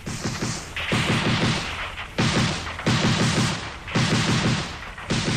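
Bursts of rapid rifle gunfire crackle in dense volleys as soldiers on a cliffside mountain path fire wildly up the mountain, several loud rounds of overlapping shots repeating every second or so, with no voices.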